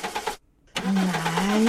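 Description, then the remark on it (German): A car engine cranks in two loud attempts separated by a brief pause: first a rhythmic churning, then a longer grinding whir with a rising whine, without settling into a steady idle. “Ich verspreche dir, danach bringe ich dich in die Garage. Lass mich nicht im Stich.”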